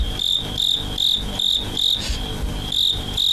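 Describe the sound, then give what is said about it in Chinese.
Fighting crickets caught in Shandong chirp in a steady, repeating rhythm of bright, high-pitched trills, each burst about half a second apart, loud and clear over a low rumbling background with no talking. “逐鹿中原三秋日，问鼎华夏虫鸣时。”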